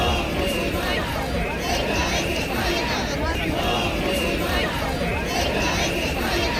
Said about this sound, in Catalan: Persones encapçalades per partits com el Partit Popular i Vox es van manifestar en diverses ciutats de l'Estat amb crits com aquest, Ceuta, no se vende, Ceuta no es ven, però també Ceuta és Espanya.